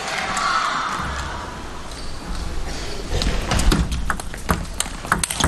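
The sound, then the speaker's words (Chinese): A table tennis rally in a match involving Lin Shidong, with quick, sharp ball taps and bounces in a noisy arena, the crowd's murmur steady underneath, ending with a crisp, whip-like backhand hit. “好球， 小鞭子一样的反手抽出来了。”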